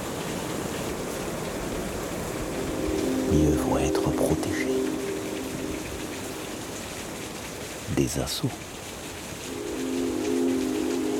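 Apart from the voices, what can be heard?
wind-swept waterfall roaring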